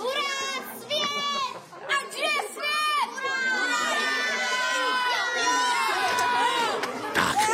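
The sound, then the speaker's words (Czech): A lively crowd of children, boys and girls at a circus, shouting and chattering all at once, high excited voices overlapping continuously, with occasional louder squeals rising above the din. “Páni, to je děti.”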